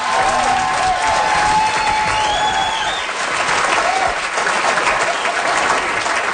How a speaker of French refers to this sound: Alors nous, à la croisée, nos applaudissements sont préenregistrés.